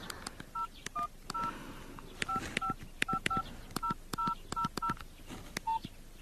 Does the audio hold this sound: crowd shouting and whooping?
no